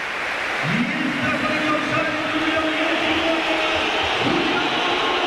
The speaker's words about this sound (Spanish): El cambio, se va a retirar el hombre del gol, se va a retirar Jonathan David. Esta es la ovación del Metropolitano.